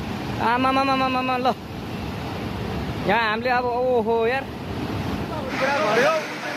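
A loud, steady roar of flood water rushing through streets and buildings in the Trishuli area of Nepal, with people calling out in a few short bursts over the churning noise.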